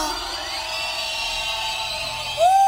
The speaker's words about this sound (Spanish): Que se escuche un silbido para Jehová.